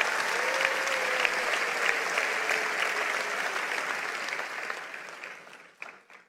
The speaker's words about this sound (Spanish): Vamos, si lo crees, dale un aplauso al Señor.